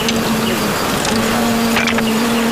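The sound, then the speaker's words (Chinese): A dense, steady buzzing of many wild bees at a large wild bee nest drones continuously, a low sustained hum with scattered crackles and rustles over it, no voices. “蛮大啊，这窝，好大的蜜蜂声音，嗡嗡的。”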